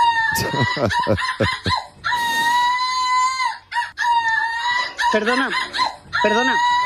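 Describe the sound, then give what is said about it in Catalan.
A woman, a European runner-up in seagull imitation, imitates seagull cries: loud, repeated squawking calls with sharp rising and falling pitch, delivered in several quick bursts with brief pauses between them. “no la gavina, no, la senyora que imita les gavines, la subcampiona d'Europa que serà en directe en aquest programa d'aquí a poca estona.”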